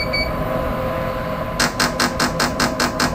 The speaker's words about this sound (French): Et quand vous entendez le bip bip bip, ça vous annonce que vous allez qu'on va commencer la nouvelle stimulation.